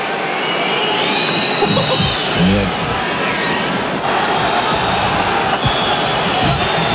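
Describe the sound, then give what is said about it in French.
A large stadium crowd at a rugby match in Bordeaux roars in a dense, unbroken clamour as Ntamack is shown on the stadium's giant screens, with a few shrill whistles piercing through the steady wall of noise. “Du coup, à chaque fois qu'Ntamack était exposé sur les écrans géants du stade, il y avait une vraie clameur qui s'emparait des tribunes.”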